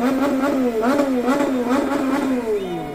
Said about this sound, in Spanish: Motocicleta, claxons, pitos de los vehículos en los exteriores del hotel de concentración de Ecuador. Ese es el ruido.